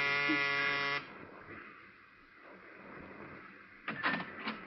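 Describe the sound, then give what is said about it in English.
A harsh electric door buzzer at a ground-floor apartment in a narrow gray row house sounds in one steady, droning burst for about a second, then gives way to quiet room noise and a woman's faint crying inside before a brief rustle. “I smelled domestic trouble, but I pushed the buzzer anyway.”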